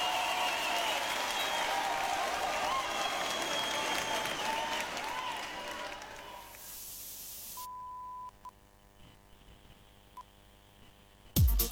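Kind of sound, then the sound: crowd, applause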